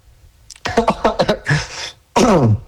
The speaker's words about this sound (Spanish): Discúlpenme. Incluso si tienes tos, no porque te ahogues como yo.